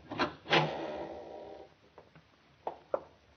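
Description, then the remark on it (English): A loose wooden floorboard in the other room of a house squeaks and groans: two sharp creaks open into a long, rasping drag, followed by a few quieter, brief creaks and ticks, with no voices. “Sounds like a loose board squeaking in the other room.”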